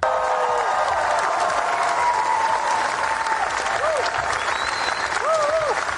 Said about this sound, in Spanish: Porque mira, fíjate, esta es la ovación que recibió nada más proyectar su película en Cannes.